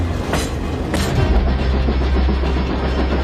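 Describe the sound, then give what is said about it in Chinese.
A heavy train on the Shuohuang Railway, which links Shuozhou in Shanxi with Huanghua Port in Hebei, China, rumbles into motion on the tracks after the order to start, a deep steady low-end drone with scattered clanks and rattles, fairly loud, no voices. “大厦，开动，开动！”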